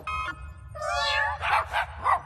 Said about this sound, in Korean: 최근에 개발한 따끈따끈한 발명품이야. 어떻게 생각해? 울음소리를 바꾸는 이름표야. 야옹 소리는 멍멍 소리로 바뀌어봐.